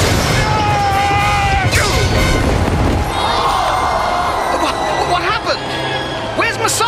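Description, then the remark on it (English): In a chariot race, Judah's chariot breaks up and crashes into the turning post with a loud, jarring impact, flinging its driver across the turn. The impact sounds over the constant roar and shouting of a large crowd, the clamor staying dense throughout. “His chariot hit the turning post.”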